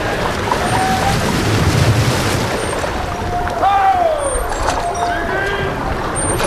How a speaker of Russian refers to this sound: Дантес, к нам идет лодка. Господин Дантес. Ого, в лодке сам господин Морель.